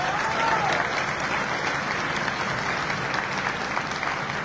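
An audience applauds steadily throughout, a dense, even wash of many hands clapping at a fairly loud level with no voices standing out.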